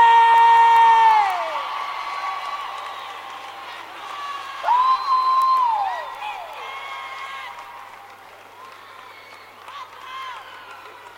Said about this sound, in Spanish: ¡Fuerte el aplauso